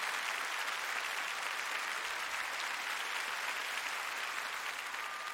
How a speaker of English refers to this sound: I think there's only a couple things that could make this night better. First, I'd just like you to notice and give tons of applause to my amazing band tonight.